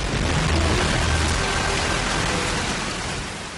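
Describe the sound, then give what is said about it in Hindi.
Heavy monsoon rain pours down in a dense, steady hiss, loud throughout, with a faint low rumble early on and no voices. “उल्लेखनीय है कि नाटक की शुरुआत भी आषाढ़ की वर्षा से होती है और अंत भी वर्षा के ही वातावरण में घटित होता है।”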